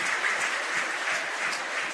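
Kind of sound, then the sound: crowd, baseball stadium crowd cheering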